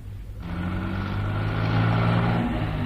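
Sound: car driving away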